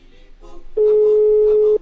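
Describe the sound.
A telephone ring tone from a call placed by the Radio Gallito show sounds once as a steady, loud, mid-pitched beep lasting about a second, following a stretch of soft voices talking.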